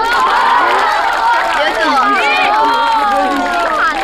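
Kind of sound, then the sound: crowd, audience applause and cheering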